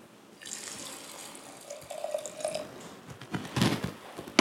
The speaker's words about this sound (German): Ich habe hier ein Keimglas von der Firma Eschenfelder. Hier macht man Weizen rein, übergießt es mit Wasser.